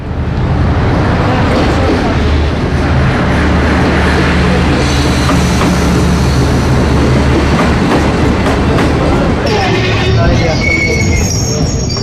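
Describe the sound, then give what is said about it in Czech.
An express train rumbles steadily into a station, arriving at platform one, track one, wheels clattering over the rails, with a thin metallic squeal rising near the end and a voice faintly audible beneath the noise. “Ekspresni vlak s prvog programa stigao je na prvi peron, prvi kolosijek.”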